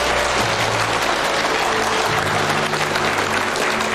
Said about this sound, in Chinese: 先别鼓掌